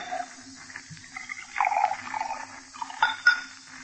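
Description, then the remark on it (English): Bourbon gurgles into a glass for a couple of seconds, followed by a few light glassy clinks; no talking. “You pour. I don't know when to stop.”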